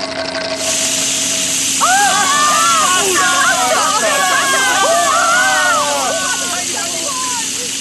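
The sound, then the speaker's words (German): A huge water fountain shoots upward with a loud, steady hissing rush that starts abruptly and keeps going, while a crowd of excited voices cheers and chatters over the spray. “Wasser. Eine riesige Wasserfontäne schießt in die Höhe.”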